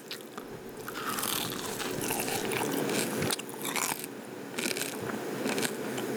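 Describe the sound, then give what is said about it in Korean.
Loud crunching as crispy Korean scorched rice crust (nurungji), laid under a potato pancake, is bitten and chewed, a dense run of brittle crackles and snaps continuing steadily for several seconds with no talking. “이게 누룽지가 밑에 깔려 있어가지고, 응? 엄청 바삭해요.”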